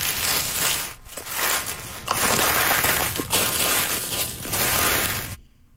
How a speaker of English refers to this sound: What's that? It sounds like leaves rustling. That'll work. That's leaves. That's leaves.